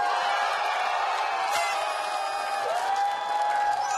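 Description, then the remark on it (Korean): A studio audience claps steadily and cheers for several seconds to welcome a new singing instructor, a dense wash of applause with a few whoops and a rising shout above it near the end. “네, 자, 오늘 드디어 노래 강사로 데뷔하는 써니 강사 소개합니다. 박수 주세요.”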